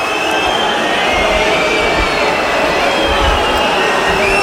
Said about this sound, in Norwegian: Hør publikum.